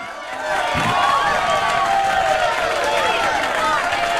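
A crowd applauds and cheers, a dense wash of clapping with shrill shouts and whoops rising and falling over it, holding steady and loud for about four seconds after a brief quiet start.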